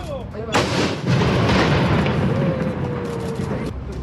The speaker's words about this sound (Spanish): Santa Lucía se realizaron 4 disparos de demostración, porque esto aún no vuelve a funcionar totalmente. La municipalidad informó que será durante septiembre, sin dar aún una fecha específica. Pasemos justamente a escuchar el momento de este cañonazo.